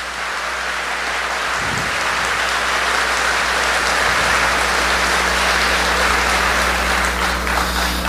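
Sustained applause from a crowd, a dense, steady crackle of many hands clapping that stays loud for several seconds without any voices on top.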